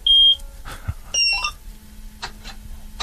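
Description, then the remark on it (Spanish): A combine harvester's ignition switched on with a key, heard over the radio: sharp high electronic beeps, a short pair of warning tones, then a low, steady engine hum that continues to the end. No one speaks. “Bueno, no sé si encender, tiene un botón de encendido la cosechadora, no sé cómo...”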